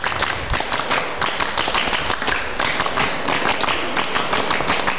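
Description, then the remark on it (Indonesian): A group of scout members at SMA 1 Geger performs the scout clap (tepuk pramuka) twice, many hands striking in near unison in a quick, rhythmic pattern with sharp, dense bursts repeating steadily for several seconds, loud. “Iya, dua kali tepuk pramuka.”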